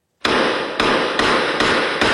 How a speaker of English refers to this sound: You can hear the gunshots in this surveillance footage obtained by City News. Police say shots were fired at around 5 a.m. near Thorncliffe Park Drive and Overly Boulevard.